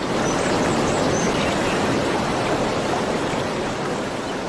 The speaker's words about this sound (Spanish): Río Duero, Río Duero, nadie acompañarte baja, nadie se detiene a oír tu eterna estrofa de agua.